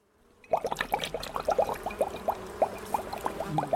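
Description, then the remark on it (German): A beekeeper pours a greenish, stinking liquid steadily into a sprayer with quick, bubbly glugs gurgling at a rapid irregular rhythm, moderately loud, starting abruptly and continuing without any voices. “der Imker, füllt eine grünliche, stinkende Flüssigkeit in einen Spritzer.”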